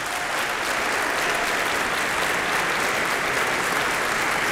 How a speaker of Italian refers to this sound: Il maestro Franco Radicchia, direttore del coro, un applauso speciale per il maestro.